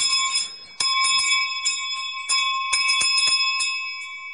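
A sheep bell rings in a series of irregular, jangling strikes, each hit leaving a bright metallic tone that hangs between strokes. No voices are heard.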